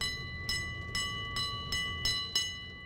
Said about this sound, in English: Oh, what a noisy city here, huh? We're in Brooklyn on 47th Street now and it's Borough Park.